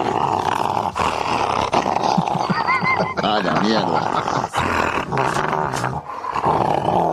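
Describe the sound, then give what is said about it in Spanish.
A female dog baring its teeth growls and snarls aggressively in loud, continuous rumbling bursts, harsh, with a person's brief exclamation heard over it. “Ese muestra los dientes, ¿no? Claro, es una perra.”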